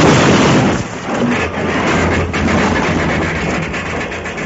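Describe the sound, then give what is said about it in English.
A locomotive engine derails and crashes in a loud, sustained roar of grinding, rumbling noise that carries on for several seconds, heavy, with no voices. “That's what Deuce planned to have happen to the whole train. A derailment, an accident”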